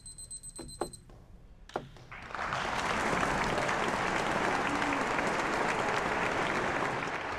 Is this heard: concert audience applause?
yes